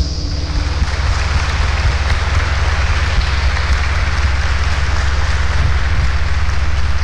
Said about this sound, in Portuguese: Palmas.